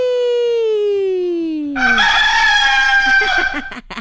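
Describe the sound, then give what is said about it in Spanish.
A single loud rooster crow, starting with a long sliding harmonic note and breaking into a raspy, buzzing finish that lasts about four seconds, clear with no talking. “Bueno, pues vamos a poner este gallito”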